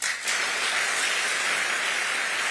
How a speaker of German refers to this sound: Es folgen 2 Minuten Applaus und Standing Ovations.